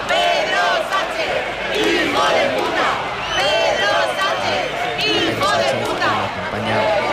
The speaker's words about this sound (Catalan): Minuts abans ho feia Pedro Sánchez en cotxe, mentre era rebut enguany no amb xiulets, sinó amb una esbroncada i amb insults.